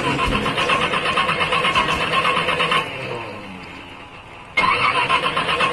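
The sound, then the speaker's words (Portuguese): A car engine cranks repeatedly in a fast, rhythmic churn without catching, pauses briefly, then starts cranking again; loud, with no talking. “Como diz o mestre Mirão Cleto, se o motor tiver assim, dá male male.”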